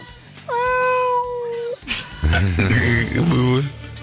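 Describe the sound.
A woman from Banfield imitates a cat, giving a long, drawn-out vocal meow followed by a couple of shorter, wavering mews, loud, with a faint hum in the background.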